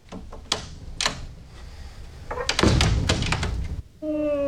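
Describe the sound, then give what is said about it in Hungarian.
A door is handled: scattered knocks and latch clicks, then a dense rattling stretch of bangs and clatter as it's shut and locked, followed by a short tonal whine. “És ott még egy ajtó van. Azt mindjárt bezárom.”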